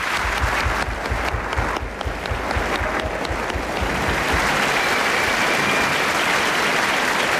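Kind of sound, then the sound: crowd, studio applause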